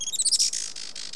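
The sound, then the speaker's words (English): Rapid, high-pitched chirps from a Juan Fernandez firecrown hummingbird, fairly loud, blurring into a buzzy trill that continues steadily to the end, with no voices. “Today, conservationists with Oikonos ecosystem knowledge are working to restore the island's native forests and to ensure a bright future for the Juan Fernandez firecrown.”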